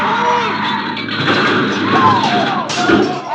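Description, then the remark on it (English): A car slams into a truck: a loud, sustained roar of crunching metal with squealing, sliding tones, ending in a sharp burst of impact noise. “A truck! Look out!”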